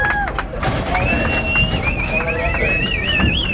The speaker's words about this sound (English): Then, the moment they had been waiting more than a year for, cowboys herded cattle from Mexico to the U.S. side and into corrals.